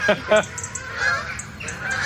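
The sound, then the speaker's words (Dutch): Canada geese honk overhead in a loose series of loud, nasal calls, two strong honks at the start followed by more calls from the flock flying very low, moving from their sleeping areas to their foraging areas. “Het zijn allemaal Canadese ganzen.”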